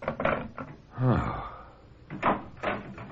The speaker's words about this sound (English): Oh, I thought I heard someone come in the back door. I wanted to make sure it was you.